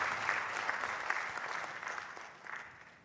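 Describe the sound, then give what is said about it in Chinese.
Steady audience applause of many hands clapping, a dense crackling wash that holds for about three seconds before thinning out at the end, with no voices. “谢谢，感谢大家妈妈的掌声”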